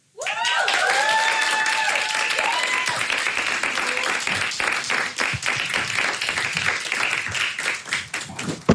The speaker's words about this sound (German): Also macht mal einen großen Applaus,